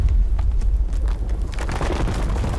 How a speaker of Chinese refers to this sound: 随着一声巨响，气浪把他们三人掀进旁边的排水沟。